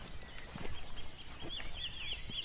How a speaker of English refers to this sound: It was a wren, wasn't it? I'm absolutely clueless.